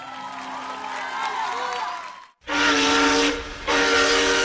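A steam train whistle sounds in two long, loud blasts with a hissing, breathy edge and a brief pause between them, following a stretch of softer wavering tones.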